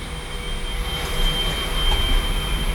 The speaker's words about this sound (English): I know what the noise was. It's a vacuum cleaner.